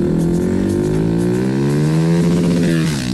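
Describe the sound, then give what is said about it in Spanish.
A loud Suzuki Bistrom 160 motorcycle engine revs steadily, its droning pitch climbing slightly and wavering near the end, with no voices over it. “Recuerden que después de las 10 vamos a sacar otro finalista del ramillete de 10 finalistas motorizados para ganarse la moto Suzuki Bistrom 160, que está espectacular.”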